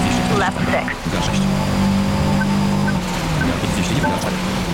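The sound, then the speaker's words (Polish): A car drives steadily over a wet road in the rain, its low engine drone blended with a continuous loud hiss of tyre spray and rain, unbroken throughout. “Słychać, że pada. Słychać, że jedziemy po deszczu.”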